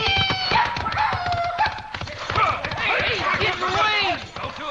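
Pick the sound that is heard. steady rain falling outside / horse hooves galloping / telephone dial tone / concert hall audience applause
horse hooves galloping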